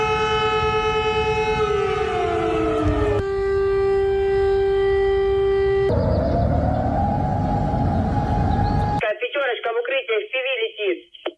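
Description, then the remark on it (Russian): A loud air raid alert siren in Russia blares in long sustained tones, its pitch sliding down and then rising between steady stretches, before cutting off as a voice begins speaking. “Так звучит воздушная тревога в России.”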